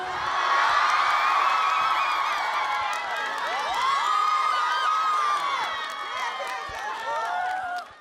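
A loud audience erupts in sustained cheering, whoops and excited shouts over a steady wash of clapping, holding strong for several seconds before tapering off at the end.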